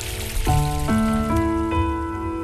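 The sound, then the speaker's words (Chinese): Steady gurgling, flowing water fills the background while four sustained plucked instrument notes enter one after another, each stepping higher in pitch, at roughly even intervals. “伴随着潺潺的流水声，我们继续来看一看古人究竟都还爱用什么样的水来泡茶呢？”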